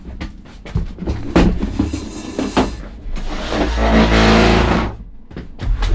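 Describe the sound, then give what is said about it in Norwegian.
Loud handling of a chair without wheels being swapped: a run of knocks and clunks, then a long scraping drag across the floor, followed by a few more bumps as it settles. No one speaks. “Nå skal jeg skifte en stol her, så smelter sånn, det er sikkert hørt.”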